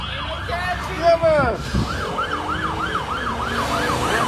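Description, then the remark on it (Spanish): A police siren wails in rapid, repeating up-and-down sweeps, loud, with traffic rumble underneath and a brief burst of engine noise early on, as several police patrol cars chase a speeding scooter rider zigzagging between cars at 45 miles per hour. “Venía casi volando y traía a varias patrullas persiguiéndolo como si viajara en un Ferrari.”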